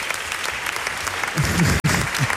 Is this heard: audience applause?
yes